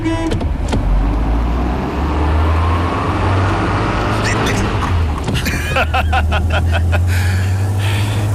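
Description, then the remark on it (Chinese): A car engine drones steadily and loudly while the vehicle drives, a deep continuous rumble with some rattling and clicking partway through and faint voices underneath. “上车吧，我来开。”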